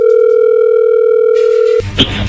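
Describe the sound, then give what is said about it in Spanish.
A steady, continuous telephone dial tone hums at an even pitch for nearly two seconds, then cuts off abruptly into a brief burst of line noise and clicks as the call connects. “Pero bueno, vamos a llamarle en este momento.”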